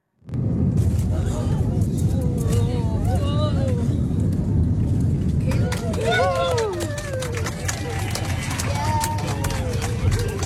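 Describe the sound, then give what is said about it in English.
A loud, steady roar of an airplane landing roughly in strong wind in Perth, with rattling clatters and passengers crying out and exclaiming in wavering voices over the noise. “That was her plane landing in Perth at the weekend.”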